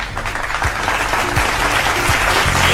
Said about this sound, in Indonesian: Jadi, nih ya, akan ada Grand Final Festival Gita Indonesia. Tepuk tangan dulu dong ya, best.